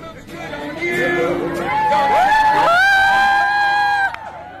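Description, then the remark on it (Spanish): A loud crowd of fans gathered in Puerto Madero, where a singer came out with one of his musicians and a guitar to sing to them, cheers and shouts, with voices rising into sustained high-pitched screams and whoops over steady babble, swelling midway and cutting off near the end. “salió con uno de sus músicos, con guitarra en mano, a cantarle canciones a sus fanáticos y fanáticas que se agolparon.”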